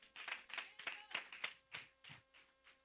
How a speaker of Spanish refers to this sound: Dan un aplauso, papá.